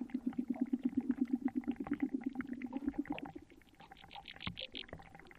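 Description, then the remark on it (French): Air bubbles escaping from marsh mud underwater, recorded with a hydrophone dropped into a calm spot in the marsh: a rapid, low gurgling rattle for about three seconds, then scattered higher bubbly pops and plinks that grow a little louder toward the end. No voices. “Le marais, qui semblait silencieux, est rempli du son de bulles d'air qui s'échappent de la vase.”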